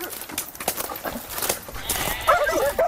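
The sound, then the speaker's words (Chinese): A flock of sheep outdoors, held in front of a herding dog and not daring to approach, with scattered rustling and shuffling movement and a few faint, wavering bleats rising toward the end. “你看，我们现在一只狗站在这儿，一群羊在我面前，他们根本就不敢过来。”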